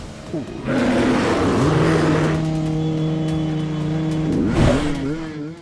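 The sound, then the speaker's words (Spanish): A motorcycle engine roars loudly as the riders rev it to drive away a bear that attacked the bike, its revs climbing in steady harmonic tones, then surging again in a sharp second burst near the end, with a faint voice briefly audible. “ataca a la moto, quedando a tan solo pulgadas del motociclista, pero con el mismo rugir del motor de las máquinas lograron alejarlo, por fortuna para todos.”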